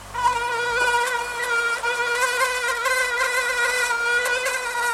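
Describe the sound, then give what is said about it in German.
A mosquito's thin, high-pitched whine drones steadily for the whole stretch, its pitch wavering slightly as it hovers, with no voices present. “Oh, ich suche ganz schnell irgendwelches Mückenzeug, was ich dann eventuell wieder drauf machen könnte.”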